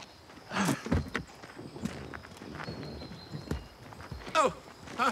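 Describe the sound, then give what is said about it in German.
Several sets of footsteps tramp heavily over rough ground, trampling over tyre tracks at the scene where a dead man was found, uneven thuds and scuffs overlapping at a walking pace, with occasional murmured voices in the background. “Ja, Herr Kewitz, Sie trampeln die ganzen Spuren zusammen.”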